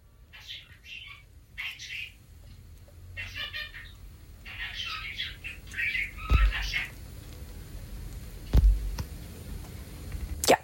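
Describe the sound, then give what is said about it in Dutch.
A pet bird that can talk chatters in a series of high, squeaky, speech-like phrases, recorded in a voice message, clear, with a couple of low thumps from handling near the end. “schijnt een vogel te hebben die kan praten.”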